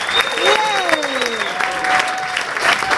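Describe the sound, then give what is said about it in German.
Steady, loud applause from a crowd welcoming a singer performing as Sally Bowles, a continuous dense patter of clapping lasting throughout, with a few high whistles and whoops sliding over it. “Begrüßt sie mit einem riesengroßen Applaus.”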